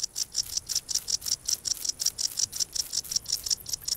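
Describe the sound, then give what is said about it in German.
A wart-biter bush cricket stridulates by rubbing its wings together on a sunny day on the Baltic coast, a steady, rapid series of high, buzzy chirps, about four pulses per second, fairly loud with no other sounds around. “Nur an sonnigen Tagen ertönt das Konzert des Warzenbeißers.”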